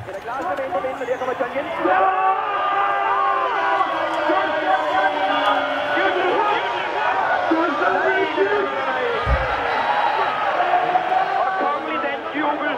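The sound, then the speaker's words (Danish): A large football crowd cheers and chants as Denmark plays, heard at a distance from a balcony: a dense, steady roar of many voices swelling after the first two seconds and holding loud throughout, with a brief low thump near the end. “Marco er gået ud på altanen. Og derfor hører vi den legendariske lyd sådan lidt på afstand.”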